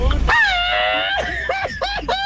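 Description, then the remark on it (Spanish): A loud, close scream rises sharply and holds a long, strained high note, then breaks into shorter wavering yelps with a rough edge. “¡Qué buen grito, ¡Qué buen grito!”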